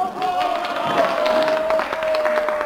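A large crowd at the Avus racetrack in Berlin roars and cheers with scattered clapping, a dense, steady wash of noise filling the whole moment, with a thin sustained tone running faintly underneath.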